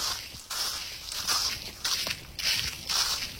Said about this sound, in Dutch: loopt door een dik pakket droge bladeren in een verder doodstil bos in Garderen.